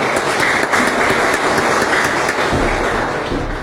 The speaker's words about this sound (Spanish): Le pido también un fuerte aplauso para él.